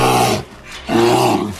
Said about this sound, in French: L'ours.